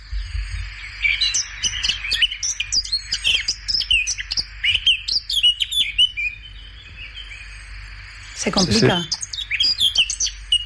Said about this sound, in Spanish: Eso parece una curruca capirotada. Pues ciertamente es una curruca capirotada.